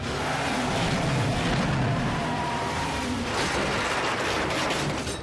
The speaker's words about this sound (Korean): 뭐야, 저건 또 무슨 차인데?